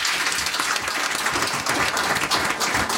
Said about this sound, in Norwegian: Og nå har du grunnet ditt eget KI-firma. Ja, jeg bygde det for gutterommet. Ja. Trenger en liten applaus bare det, synes jeg.